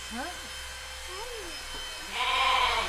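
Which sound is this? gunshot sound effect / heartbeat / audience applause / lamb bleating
lamb bleating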